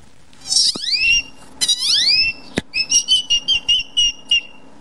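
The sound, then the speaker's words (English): A boy imitates a great-tailed grackle call: two shrill, sliding whistles that swoop downward, a sharp click, then a quick run of about eight short, piercing chirps. “When I was 4 years old at the zoo, I started mimicking this great toad grackle that was bothering my sister.”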